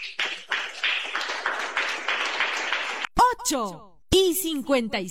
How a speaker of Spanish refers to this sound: ¡Un aplauso para Cristo Jesús!